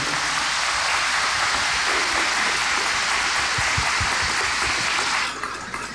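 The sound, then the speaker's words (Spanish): A church audience breaks into sustained, dense applause for the Virgin Mary, Queen of the Holy Rosary, on her feast day, many hands clapping steadily at full strength for several seconds before it begins to thin and fade near the end. “Vamos a darle un fuerte aplauso a nuestra madre, que hoy es su día.”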